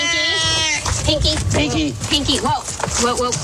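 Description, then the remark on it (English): A loud, drawn-out yowl from a male domestic shorthair rescue cat up for adoption at the Placer County Animal Shelter bursts out at the start, harsh and wavering, then breaks off as people talk over it with excited voices. “Whoa. We got a wild cat on our hands.”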